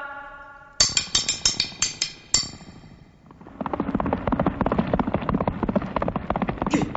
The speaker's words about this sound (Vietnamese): Đúng là tiếng lạc ngựa, chắc quân tuần, lão phải đi ngay.